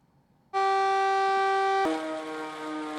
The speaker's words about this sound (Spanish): Estas son las sirenas que alertan a la población de la localidad de Cuisac. Las lluvias torrenciales de las últimas horas en los departamentos Gard y Hérault han causado que algunos ríos se desborden